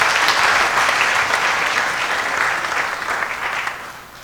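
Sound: audience applause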